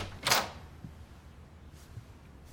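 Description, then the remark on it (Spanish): A closet door slides open in one quick, breathy swish near the start, followed by faint low rumbling and a couple of soft knocks. “Estoy abriendo la puerta.”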